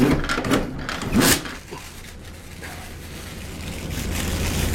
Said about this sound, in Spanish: hace un esfuerzo por ignorar el desagradable olor agrio que emana del desagüe y mete las manos debajo del grifo. Cuando retiene agua suficiente, se la lleva a la boca.